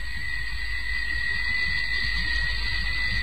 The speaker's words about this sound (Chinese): 啊，不是电话，是闹钟的铃声。闹钟啊，闹钟，你还没有报过一次喜。